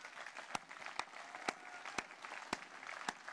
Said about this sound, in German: Vielen Dank. Und ja, Applaus.